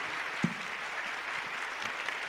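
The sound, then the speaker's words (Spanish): A crowd applauds steadily for Jesus as King of Kings and Lord of Lords, a dense wash of many hands clapping at an even level with no voices standing out, one sharper clap briefly poking above the rest. “Fuerte ese aplauso para el Rey de Reyes y Señor de Señores.”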